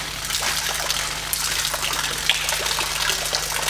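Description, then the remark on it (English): Water sloshing and swishing inside a well-sealed plastic bag with no holes in the bottom, a continuous wet churning with small splashy bursts, fairly loud, with no voices. “The plastic bag, incredibly well sealed. It's water baby.”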